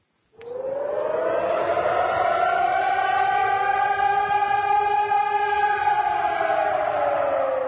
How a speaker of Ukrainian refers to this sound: 21 липня в Польщі скрізь лунала сирена. Це масштабна підготовка до можливої атаки з повітря. Так Польща готується до можливих провокацій з боку РФ.